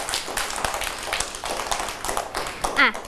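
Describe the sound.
A group of children in a class clap together for a classmate's drawing at the teacher's request, a quick, uneven patter of many hands that lasts throughout, with a child's voice briefly rising near the end.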